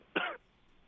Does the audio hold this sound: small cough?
yes